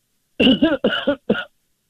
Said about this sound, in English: Oh, excuse me, I had a cough.